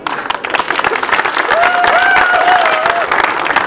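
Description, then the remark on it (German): A room full of people applauds steadily, dense clapping filling the space with a few whistles or cheers rising through it for a couple of seconds. “Und auch nochmal für Sie einen herzlichen Applaus.”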